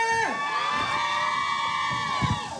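A crowd of fans (called 위브) cheers and screams in a continuous, high-pitched roar, answering a call to cheer during a live performance on the radio show Byeolbam. The roar stays loud for the whole couple of seconds, with a few bumps of shouting near the end.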